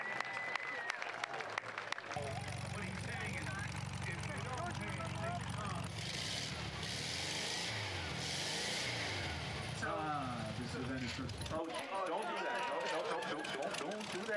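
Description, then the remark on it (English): A car engine rumbles loudly and revs up for several seconds, with a roaring surge partway through, as the car drives onto the field at a car show, over a noisy crowd with cheering and voices in the background. “There's a clear hands-down winner as soon as it drives on the field.”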